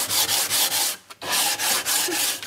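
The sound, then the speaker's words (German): Steady back-and-forth strokes of fine 320-grit sandpaper rubbed by hand across wood, fairly loud, with a brief pause in the middle before the rhythmic scratching resumes. “Je höher die Zahl, desto mehr Körner sind auf einem bestimmten Bereich und dann kann man damit auch feiner schleifen.”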